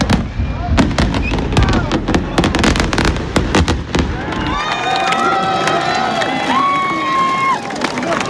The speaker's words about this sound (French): on devait aller à Montastruc ensemble, mais du coup, on est venu ici parce que, apparemment, les feux d'artifice sont mieux. Et alors, verdict ? Ouais, il est trop joli, c'est trop beau, c'est trop beau.